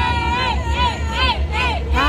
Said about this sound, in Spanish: Vea, vea, y ahí sube el escenario como toda una super chica. Véala, véala, véala. Qué belleza de vieja, ¿ah? ¿Eh? Y el público estalla, grita.